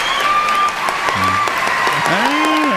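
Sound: people clapping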